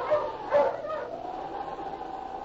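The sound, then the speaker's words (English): A dog, presented as Sergeant Preston's wonder dog King in the Yukon gold-rush drama, gives two sharp barks in quick succession. It then breaks into a long, wavering howl that holds steady. The sound is clear, with no one talking. “Now back to the days of the gold rush, when Sergeant Preston and his wonder dog King battled through storm and snow to preserve law and order as they met the challenge of the Yukon.”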